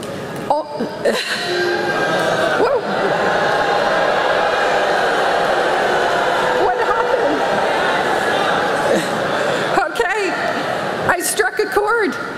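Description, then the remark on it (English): A large crowd of college graduates in Florida boos their commencement speaker loudly and steadily, a dense, sustained wall of jeering voices that carries on for several seconds with only brief dips. “College grads in Florida clobbering their commencement speaker with boos after she said this.”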